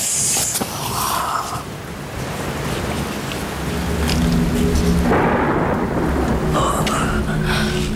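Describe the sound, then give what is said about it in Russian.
Steady rain pours down outside a club, with low rumbles of thunder rolling underneath, the storm growing heavier and louder partway through, with no voices. “Мало того, что я одна в клубе должна дежурить, так еще дождь на улице.”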